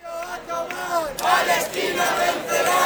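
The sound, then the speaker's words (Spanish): Thousands of pro-Palestine protesters at a Sunday morning rally in the Alameda of Santiago chant slogans such as "Palestina vencerá" in loud unison, many voices rising and falling together in a steady rhythmic cadence that swells louder after the first second and carries on without pause. “Al grito de Palestina vencerá y que viva la lucha del pueblo palestino, miles de personas se concentraban esta mañana en la Alameda de Santiago”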